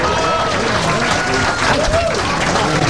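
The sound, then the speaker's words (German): Loud, steady applause from a crowd fills the whole stretch, a dense wash of many hands clapping together with faint cheering voices mixed in, played on the Star FM Rock Top 30 radio chart show. “Zeit für den ersten Applaus.”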